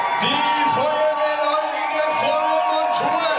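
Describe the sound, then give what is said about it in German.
A dense crowd at a marathon finish line in Mainz roars and whoops continuously as two firefighters arrive after about 3 hours of running, with overlapping shouts and cheers rising in waves, loud throughout. “Und ihr Lieben, einen riesengroßen Applaus, da kommen sie.”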